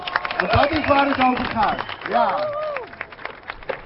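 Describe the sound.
A burst of applause and cheering at the reopening of the new skate park in Alphen aan den Rijn, a small city south of Amsterdam, on a hot afternoon: steady scattered clapping mixed with several raised, excited voices calling out, lasting a few seconds at a fairly loud, even level.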